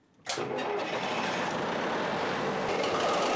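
ship engine starting up

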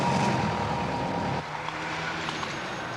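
truck driving

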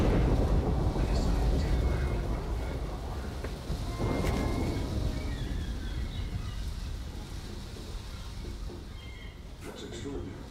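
thunder

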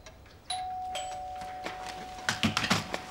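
doorbell ringing

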